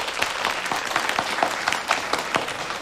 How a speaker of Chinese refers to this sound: 我给大家介绍一下，省厅经侦总队的楚处长楚东阳同志，受省厅委派到咱们局，挂职锻炼，兼任咱们经侦支队的政委。大家鼓掌欢迎。